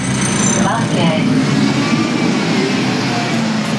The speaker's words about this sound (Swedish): Här på hållplatsen vid Dunkerques järnvägsstation är det fullt av folk, trots att bussarna kommer och går i ett.